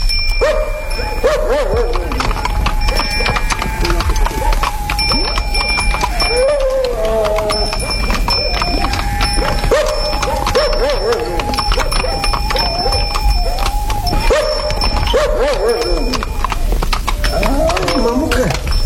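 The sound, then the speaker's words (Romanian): Horses led by their reins walk at an unhurried pace, their hooves clip-clopping in a steady, continuous rhythm, with a dog barking now and then and voices talking in the background. “Mergem și noi încet pe jos, cu cai duși de frâie.”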